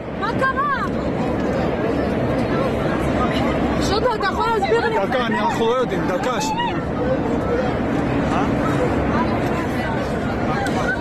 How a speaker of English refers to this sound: Well, the panic on board could be heard in videos filmed by passengers.